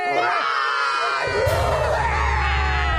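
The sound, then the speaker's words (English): A group of children roars together in a loud, sustained, raucous shout lasting about three seconds, their voices rising and wavering in pitch with a rumbling low end underneath. “We need to roar.”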